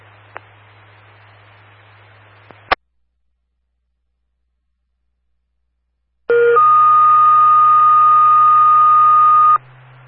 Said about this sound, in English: Charleston Dispatch on the air, testing tones, monitors, and receivers for the Charleston Fire District